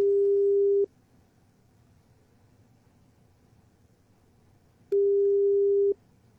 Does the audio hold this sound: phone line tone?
yes